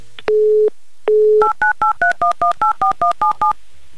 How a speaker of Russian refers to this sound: Так, номер телефона набран.